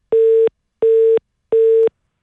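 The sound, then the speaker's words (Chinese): A telephone busy tone after the other party hung up the call: three steady, mid-pitched beeps of equal length, evenly spaced with short silences between them, sounding clearly on their own with no voices. “怎么给我挂了呀？再打回去吧，你说这事儿整的就给我挂了，这小年轻真是，我都告诉他了别挂”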